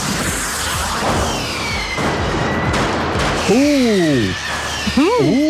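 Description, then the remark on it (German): Fireworks go off in a dense, crackling volley of bangs and pops, with high whistling rockets that swoop up and down in pitch toward the end. “Ich höre ein Feuerwerk.”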